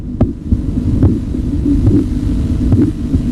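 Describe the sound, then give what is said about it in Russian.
Korotkov sounds heard through a stethoscope as an arm is compressed with a Riva-Rocci cuff: soft, muffled tapping beats arriving steadily about once a second, four in a row, over a constant low rumbling hum, with no voices. “Он замечает, что при сдавливании руки с помощью манжеты Рива Рочи возникают характерные чередующиеся звуки.”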